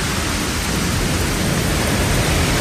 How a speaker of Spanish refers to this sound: El granizo, que arrecia con fuerza en puntos del Pirineo Ostense, como en la comarca de Sobrarbe, está acompañando a las tormentas que se llevan produciendo toda la tarde.